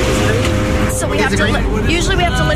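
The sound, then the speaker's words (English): Steady, loud street traffic rumbles at a crosswalk, a heavy low roar of cars and larger vehicles, with people's voices chattering over it in the foreground. “Yeah, we have to listen to the surges of the traffic.”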